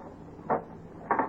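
A door is unlocked and opened: a short mechanical clunk, then a second, slightly longer rattling clunk a moment later, moderately loud, with no voices.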